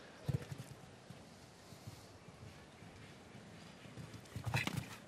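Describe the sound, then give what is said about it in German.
Hooves of the show-jumping horse James Cann Cruise on soft arena ground in the first round, as it steps on the white tape of the water jump; dull thuds moving past with sharper, louder footfalls near the start and again near the end; no one speaks. “Zum ersten Mal, in diesem ersten Umlauf, dass ein Pferd auf das Band getreten ist des Wassergrabens.”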